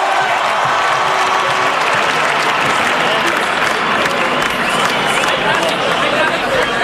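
A large audience claps continuously and loudly throughout, a dense, steady wash of applause with some crowd noise mixed in, sustained for the full duration without pause.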